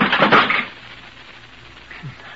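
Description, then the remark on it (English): A loud burst of cracking, splintering wood as a wooden chair gives way, followed by a quieter rattle and settling clatter, with no one speaking. “My chair wasn't built very strong.”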